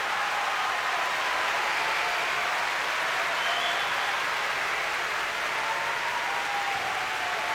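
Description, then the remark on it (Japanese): Sustained applause from a large crowd at IG Arena as sumo wrestler Aoinishiki bows to all four sides after winning the championship, a dense steady roar of clapping that stays loud and even for the full stretch, with no voices standing out. “大きな拍手の中青錦が四方に礼をしています。”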